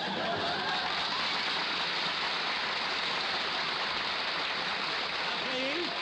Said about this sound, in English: Please, don't applaud.